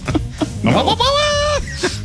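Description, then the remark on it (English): A person's voice mimics a goat, letting out one loud, wavering bleat that lasts about a second, with brief vocal sounds just before and after. “Oh, don't get him on the goat sounds.”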